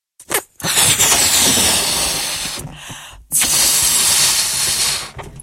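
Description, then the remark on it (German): Air rushes out of a balloon in two long, loud, breathy hisses, each lasting a couple of seconds with a short pause between, after a quick puff at the start. No one speaks. “Zuerst püst wir nur unseren Luftballon ab.”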